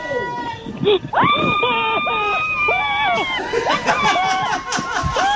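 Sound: woman screaming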